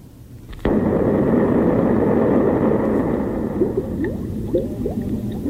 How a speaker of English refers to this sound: Oh, bubbles? Yeah, it's bubbles. Why would they put that after an explosion? Are they threatening to turn us into bubbles? No. It sounds so much like rain, doesn't it?